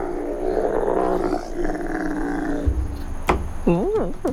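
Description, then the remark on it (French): A dromedary camel lets out a long, rough growling roar, a guttural rumbling bellow that ends in a few warbling, wavering groans. “Mais mon préféré, c'est le dromadaire.”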